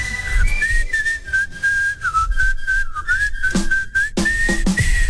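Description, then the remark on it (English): People whistle along to a song: a loud whistled melody carries on steadily for several seconds, sliding between notes, over a rhythmic musical backing with sharp percussive beats. No one speaks. “we all whistle along, okay?”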